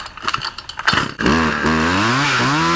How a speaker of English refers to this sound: This is the actual sound. We have a... Here she is. She did it with a chainsaw.